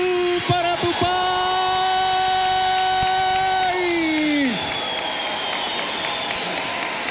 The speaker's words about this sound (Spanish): El gimnasio del Gran Festival Folclórico en la Patagonia 2024 se coloca de pie para homenajear a Tupá con el gran cariño, aplauso y el gran reconocimiento mayor que es... ¡El Ñandú!